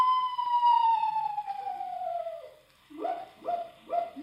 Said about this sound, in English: Just a screech owl, Unc. Oh? Must have the hiccups.